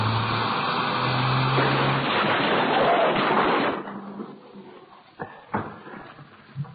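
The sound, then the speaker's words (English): A car crash as a driver hits another car to stop it driving off: a loud, sustained roar of engine and skidding noise cuts off abruptly, followed by a few sharp metallic impacts and rattling debris in the quieter aftermath. “We're going to hit.”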